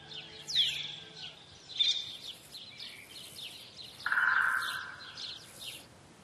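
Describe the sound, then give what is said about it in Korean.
Iberian magpie calls: a series of short, raspy chirps repeating, then a longer buzzing call that fades away. There is no talking. “이베리아 까치도 거대한 참나무 가지를 기본 틀로 삼아 그 위에 정교한 둥지를 만듭니다.”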